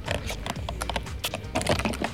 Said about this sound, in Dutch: Je hoort de ijsklontjes. Mmm. Ik moet zeggen dat je het niet heel goed proeft, maar ik denk dat je wel weet wat het is. Ja, het is koffie. Met toch pandan.